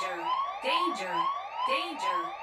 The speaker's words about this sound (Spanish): Acaba de activar la alarma. Así es, la alarma del saludito para toda la raza que sintoniza XFM 98.3.